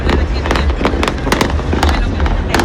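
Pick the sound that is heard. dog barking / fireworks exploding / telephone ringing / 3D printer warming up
fireworks exploding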